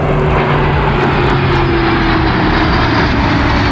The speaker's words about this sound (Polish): Nad ranem odbyła się próba generalna, wcześniej w nocy Wisłostradą przejechał ciężki sprzęt, a wczoraj nad Wisłą latały wojskowe myśliwce i helikoptery.